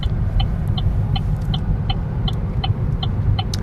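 A car drives along small departmental roads in the hills of Occitanie, in the Lot-et-Garonne countryside near Agen, southwest France: a steady low rumble of engine and tyres, with a faint, regular clicking ticking evenly over it. No one speaks.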